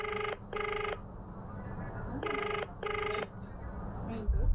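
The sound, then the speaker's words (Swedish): A telephone ringback tone sounds in two double bursts, steady and electronic, over a muffled, noisy line with faint background murmur, as a man calls his wife after an earlier call dropped. “Efter att samtalet med Bruce bröts ringer istället Ted upp sin fru Marianne”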